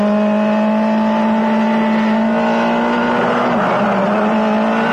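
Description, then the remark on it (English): A car engine drones loudly and steadily as the car speeds up with its brakes not working, its pitch holding high with a brief dip near the end, like a vehicle under hard acceleration at speed. No voices. “We're speeding up.”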